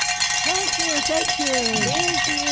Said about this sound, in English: Ladies and gentlemen, we did ring it. Some bells.